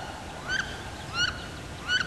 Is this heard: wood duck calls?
yes